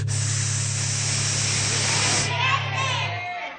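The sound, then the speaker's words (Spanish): A Mexican rattlesnake (víbora de cascabel) named Casca gives a loud, steady hiss lasting a little over two seconds over a low, even buzz, then fades as voices take over. “Ella es la víbora de cascabel y se llama Casca.”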